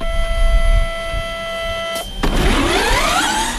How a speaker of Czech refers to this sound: Studentská elektrická formule E-Force Prague projíždí klikatou zkušební trať vymezenou barevnými kužely. Za volantem ale nikdo nesedí.